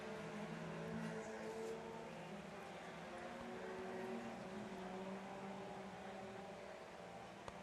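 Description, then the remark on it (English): A steady, loud drone of Hornet-class race car engines running continuously, several motors blending together with shifting tones as the cars circle the dirt track at Bemidji Speedway through lap traffic toward the checkered flag. No one speaks. “Hitting through the lap traffic, coming around for the checkered flag.”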